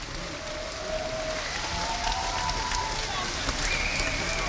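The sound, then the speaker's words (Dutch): Dense, steady applause from a crowd, a continuous wash of many hands clapping at even loudness for several seconds, with a few faint tonal whoops or whistles over it. “Een heel groot applaus.”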